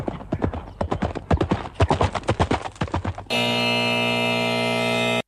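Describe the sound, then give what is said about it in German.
Horse hooves gallop in a quick, uneven rhythm of sharp clattering beats for about three seconds, then a loud, steady buzzer abruptly cuts in and holds until the end. “Doch halt, auch das mit den Hufen ging nicht so schnell, da war noch nichts mit Galopp.”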